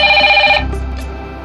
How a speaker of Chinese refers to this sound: 妈妈的手机一直在响，问候与祝福接踵而至。